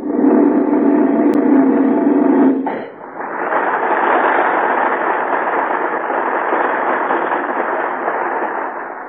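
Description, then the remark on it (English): A firework let off by Kodo the clown goes off with a loud, sustained roaring blast that dips briefly partway through, then surges back and rumbles on steadily to the end. No one speaks over it. “And as for you, Kodo, letting off that firework, you might have killed Joe.”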